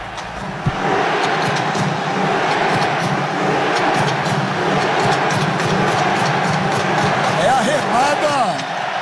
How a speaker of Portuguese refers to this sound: nesse exato momento que começa a remada dos torcedores noruegueses aqui, onde tem uma camisa vermelha, tá tendo a remada. Olha, é muito legal, cara. Olha lá, vamos ouvir.